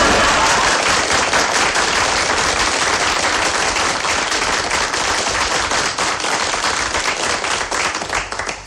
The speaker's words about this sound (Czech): Myslím, aby se diváci nenechali mýlit tím velkým potleskem, to jsou sami mý příbuzní tady, nejen v Brně, ale v Řicmanicích a v Ivančicích.